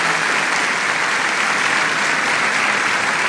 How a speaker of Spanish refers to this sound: ¿Hay alguien por primera vez hoy aquí para saludarles? Bendiciones, bendiciones, bendiciones, bendiciones para todos ustedes. ¿Qué tal si los saludamos a ellos con un caluroso aplauso?